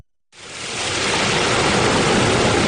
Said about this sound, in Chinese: 8月6号，随着埃里克塔木取手的电子闸门缓缓抬升，塔里木河的最长源流叶尔羌河河水奔涌而下，水流一路绵延超过350公里，在与和田河交汇后最终汇入塔里木河干流。